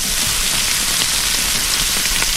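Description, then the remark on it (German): Meat sizzling on a grill: a steady, dense hiss of crackling fat with scattered small pops, fairly loud and continuous throughout, with no voices. “Es brutzelt das Fleisch”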